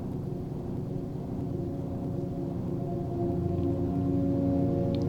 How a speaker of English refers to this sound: There's a lot of train in this song.